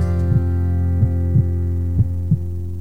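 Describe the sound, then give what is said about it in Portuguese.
A heartbeat sound effect in a 95 FM radio station slogan thumps in steady lub-dub pairs over a constant low droning hum, the beats soft but clear, with no voices present. “É o seu coração batendo forte na sintonia do amor.”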